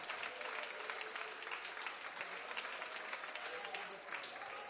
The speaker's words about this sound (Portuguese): Então vamos receber o servo de Deus, com as palmas para Jesus, a melhor, a melhor, a melhor!